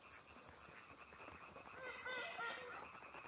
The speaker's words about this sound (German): Die Dämmerung ist Startsignal für abertausende eifriger Sänger. Zusammen beginnen sie ein vielstimmiges Konzert aus Quaken,